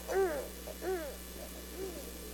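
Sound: owl hooting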